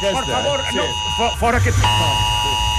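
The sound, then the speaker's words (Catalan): A civil protection emergency alert blares from a mobile phone, a steady, shrill multi-tone buzz that shifts pitch slightly partway through, sounding continuously beneath people talking. “Va, que el que volem explicar és que Protecció Civil ha enviat en només una setmana 23 alertes de mòbil.”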